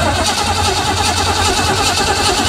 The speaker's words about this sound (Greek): Να ακούσουμε μια μηχανή πώς παίρνει μπρος. Να το ενός αμαξιού. Ναι, ναι. Έτσι κάνει η μηχανή.